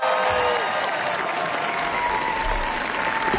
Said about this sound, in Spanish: Y estos son aplausos que, bueno, pues ya sé para nuestra corresponsal, pero no, son para Pedro Almodóvar en el Festival de Cannes. Le gustó mucho al público asistente, críticos, etcétera, Amarga Navidad.